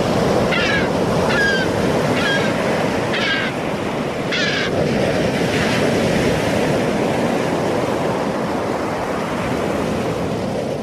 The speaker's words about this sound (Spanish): Es un instante en el que todos los sentidos parecen despertar y la brisa marina sustituye el calor acumulado durante la jornada y el sonido de las olas recupera protagonismo y parece incluso rugir con más fuerza.